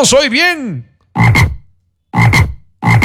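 A toad croaks loudly: a warbling, rising-and-falling call followed by three raspy, evenly spaced croaks with short silences between them, no voices.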